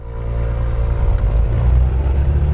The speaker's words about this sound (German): Ich sitze in einem knallorangenen Overall in einer kleinen zweimotorigen Propellermaschine.